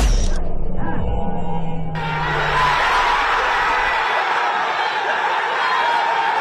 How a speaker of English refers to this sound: Cheers as Arsenal win the Premiership. The Gunners have clinched the title for the first time in 22 years.